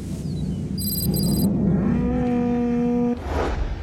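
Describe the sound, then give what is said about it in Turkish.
A cow lets out a long, drawn-out moo lasting about a second, fairly loud, over steady outdoor background noise, with fainter lowing from other cattle of a herd that has strayed from its usual path on a farm in Zanseda. “Zanseda çiftliğinde bir inek sürüsü her zaman kullandıkları yoldan saptı.”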